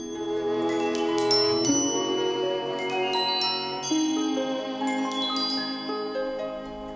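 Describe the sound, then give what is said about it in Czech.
A small bell rings repeatedly in bright, high chiming strikes that overlap and shimmer, each tone ringing out and fading, with a steady sustained tinkling throughout and no voices. “Když půjdeš za mým zvoněním, zavedu tě k ní i poslepu.”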